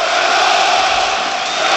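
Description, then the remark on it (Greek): The basketball crowd at the Telecom Center, during a Panathinaikos game against a Spanish team, roars steadily, a dense, loud wall of cheering and shouting that holds at full intensity without a break, with no individual voices standing out. “Ξεσηκώνεται και το Telecom Center.”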